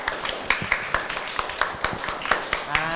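A group of students clapping for their classmates in group 5 after a presentation, a steady patter of many overlapping sharp claps lasting throughout, moderately loud, with faint voices mixed in.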